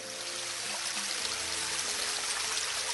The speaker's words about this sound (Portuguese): E neste momento se fez um tal silêncio que se podia ouvir o borbulhar da água a correr por entre as pedras.